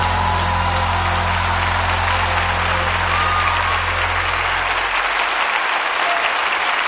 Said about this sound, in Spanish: dale ese aplauso al rey.